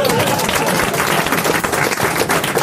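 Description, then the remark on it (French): Loud, sustained applause from an audience, dense overlapping claps filling the whole stretch at a steady intensity, enthusiastic with no clear voices above it; applause for Valérie Mérès after her performance. “C'était Valérie Mérès, mesdames, messieurs, on peut l'applaudir.”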